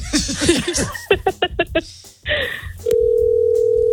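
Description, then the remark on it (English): Laughter and chuckling give way to a brief rustle, then a steady, loud electronic phone tone starts and holds unbroken to the end, like a ringback on an outgoing call to a mother. “I should have had you text her and say, hey, I'm calling you.”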